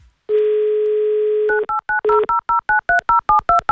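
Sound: telephone number being dialed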